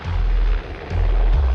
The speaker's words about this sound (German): Der Helikopter ist wirklich sehr laut und fliegt sehr tief.